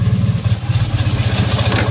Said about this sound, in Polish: A to jest jeszcze specjalna wersja z takim trochę dłubniętym silnikiem, bo to jest silnik Brabusa. To słychać zresztą, prawda? To jest zupełnie... Dawaj mu na zimnym! Daj mu troszeczkę, no! O!